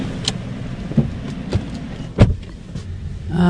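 A white Hyundai sedan in an underground car park: a steady low engine rumble with a few sharp clicks and thuds scattered through it, and a louder knock near the middle. No one speaks.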